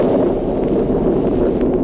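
A loud, steady rush of sea waves, a continuous roar of surf and churning water with no pauses and no voices.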